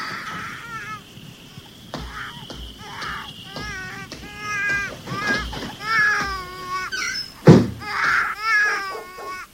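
A baby cries at night in repeated wavering wails with short breaks between them, fairly loud, and a brief thump cuts in near the end.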